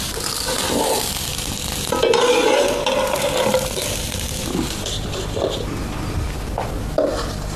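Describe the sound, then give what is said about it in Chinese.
A thin corn-flour pancake topped with a filling of wild mountain vegetables and chives fries slowly over low heat in a flat pan, with a soft, steady sizzle broken now and then by scraping and stirring sounds of a utensil. Nobody speaks. “山野菜与韭菜调成素馅儿，均匀平摊在薄饼上，用小火慢慢煎熟。”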